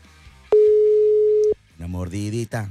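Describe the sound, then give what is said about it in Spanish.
One steady electronic phone ringing tone sounds loudly for about a second as a call is dialed, starting and stopping abruptly, and is followed shortly by a voice singing or speaking. “A mí se me hace que le vamos a tener que marcar por WhatsApp.”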